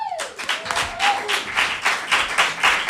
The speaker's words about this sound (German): Macht einen riesen Applaus